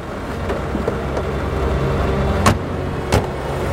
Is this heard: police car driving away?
yes